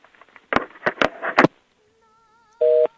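A phone line clicks and clatters as a handset is handled, then falls quiet before a single short, loud busy-signal beep sounds through the earpiece.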